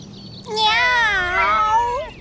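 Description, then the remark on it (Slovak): A single long, drawn-out cat meow, fairly loud, its pitch wavering slightly before trailing off, with near silence around it. “Mačka? Áno, bola tam mačka.”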